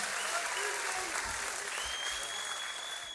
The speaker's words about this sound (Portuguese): Palmas para vocês mais uma vez.